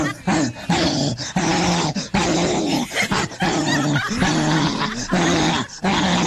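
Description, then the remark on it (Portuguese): A female dog barks and growls ferociously, loud and relentless, in a rapid string of snarling bursts separated by only brief breaths, with no talking. “Mais um cachorro louco.”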